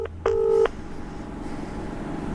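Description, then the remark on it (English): Two short electronic dialing tones beep in quick succession, the second longer and louder, followed by a quiet hiss of an open phone line, as a call is placed on speakerphone. “Call him on speaker.”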